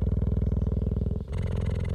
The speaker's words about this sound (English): And when it got within about, 3 yards of this cheetah, I could see her chest rising and falling, but I could also hear she was purring just the same as any cat. Just purring away.